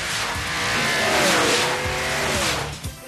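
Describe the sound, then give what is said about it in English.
A car races past at high speed on the Test Track ride at Epcot, an automotive proving ground, its engine roaring loudly as tires squeal with a rising and falling screech over a constant wash of road noise. “On Test Track, you'll take the ride of your life through a hair-raising automotive proving ground.”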